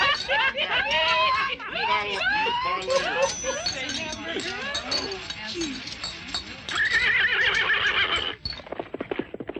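A horse neighs loudly and repeatedly, its shrill, wavering whinnies rising and falling over several seconds, with clip-clopping hooves and snorting mixed in.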